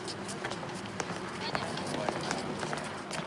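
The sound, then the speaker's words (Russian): A woman's quick running footsteps patter in a steady rhythm as she runs away, over a dense, noisy background wash. “Чуть улыбаясь, она подмигивает и убегает.”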